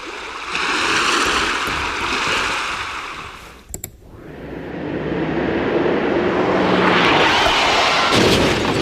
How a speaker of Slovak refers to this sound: Nie, toto je more.